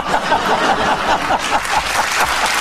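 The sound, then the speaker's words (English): Steady, dense applause from a studio audience fills the whole stretch, an even wash of many hands clapping at once with no break and no clear voices on top. “You just reacted immediately to an audience applauding.”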